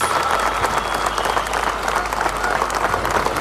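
Dense, sustained applause from a huge crowd of thousands in Madrid, clapping as protesting coal miners entered the city on the night of 10 July, a steady roar that stays loud and even throughout, with no voices standing out.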